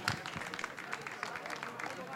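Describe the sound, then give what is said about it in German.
An audience applauds after an on-stage interview at a Wartburg-Radio event, a steady patter of many hands clapping together at an even, moderate loudness for a couple of seconds. “Und ja, gern Applaus, gern Applaus.”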